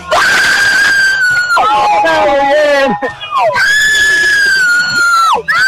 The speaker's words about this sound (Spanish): gritando el gol, el último gol acá, en la costanera de la ciudad de Encarnación, así como decía.